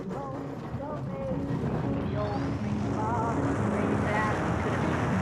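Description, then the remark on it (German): A motor glider's engine drones steadily in flight, a continuous hum with a rushing wind-like roar, loud throughout, while a voice talks over it. “Ich habe mich für den Motorsegler entschieden. Dadurch sind wir windunabhängig.”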